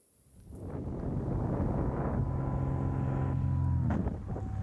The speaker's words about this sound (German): Diese Aufnahme hat die 44-jährige Gleitschirmpilotin selbst bei ihrem Flug gemacht und bei Instagram hochgeladen. Dass eine Cessna ihren Gleitschirm zerfetzt, damit hat sie definitiv nicht gerechnet.